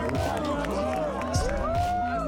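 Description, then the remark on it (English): A large crowd at a surf contest men's final between Iago Dora and Italo Ferreira roars and cheers steadily, with whoops and excited voices blending into a dense wall of noise, some shouts rising above the din, heard from within the audience. “Listen to this crowd.”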